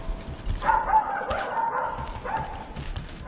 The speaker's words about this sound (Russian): А щенок несся рядом с ним и весело лаял.